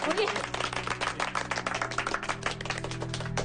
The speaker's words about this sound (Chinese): 大家没有意见那就鼓掌通过。